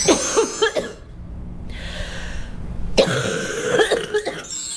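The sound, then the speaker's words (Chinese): Fairly loud wet coughing in two bouts, each a cluster of harsh, phlegmy hacks with a rattly edge, separated by a short breathy pause, from sticky, yellow lung-heat phlegm in the airway that is hard to cough up. No one speaks. “有一种 气道里 粘稠感， 对，它气道里有那种黏黏的痰，所以它咳出来可能有点痰鸣的声音， 咳嗽声带有痰音的，很好区分。”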